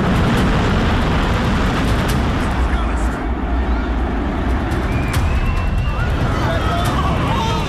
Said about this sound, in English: That was the second building coming down. The cloud was already beginning to come through the street.